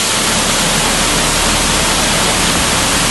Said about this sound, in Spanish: Contrasta el silencio de las anteriores galerías con el sonido ensordecedor del agua que hace que ni siquiera nos escuchemos.